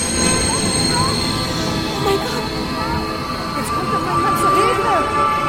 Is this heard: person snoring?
no